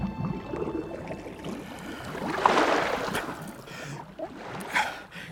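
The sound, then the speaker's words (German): A steamboat engine chugs steadily across the water, its low rhythmic throb blended with splashing and sloshing waves, swelling slightly as it approaches. No voices are heard. “Der Dampfer tuckerte heran.”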